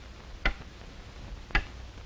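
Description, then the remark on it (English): Two crisp clock ticks about a second apart, sharp, standing out over a quiet background hiss with no voices. “That is one of the reasons why that clock ticked off a traffic accident in this state every 20 minutes.”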